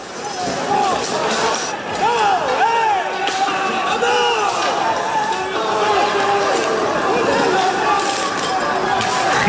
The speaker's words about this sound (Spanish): Gente encapuchada, vestida de negro, con palos, bates de béisbol, petardos y una batalla campal. Han volado sillas, mobiliario urbano. Bueno, este es el sonido.